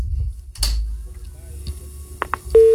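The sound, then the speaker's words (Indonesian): A few sharp clicks and line noises over a low rumble as a caller's phone-in line disconnects, then a steady, loud telephone busy tone begins abruptly at the very end and continues. “Oh iya, terputus.”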